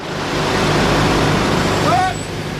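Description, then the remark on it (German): A convoy of about 20 military trucks on an exercise rumbles steadily and loudly, their deep engine drone filling the scene, with a short high brake squeal near the end; the convoy, headed for northern Germany, halts just before Fritzlar in the Schwalm-Eder district, northern Hesse, to refuel. “Rund 20 Militärlaster rollen an.”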